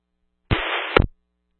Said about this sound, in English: Sorry, I'm not copying any of that, just static, but I'll head back up that way.